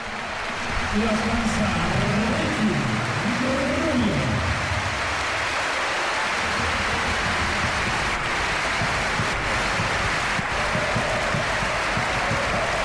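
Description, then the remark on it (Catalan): A big basketball arena crowd gives a sustained ovation to Ricky Rubio at a substitution in a Joventut game, dense clapping and cheering that stays loud and steady throughout, with a voice carrying over the roar during the first half. “I aquí l'ovació, escolteu l'ambient i l'ovació a Ricky Rubio.”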